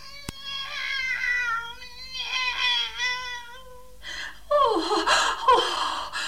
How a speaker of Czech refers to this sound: Kocour je živ a zdrav! Poslechněte si jeho hlas!